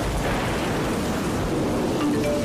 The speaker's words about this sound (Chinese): 暴雨快来了，请做好预防准备。 开始下雨了，大家注意交通安全。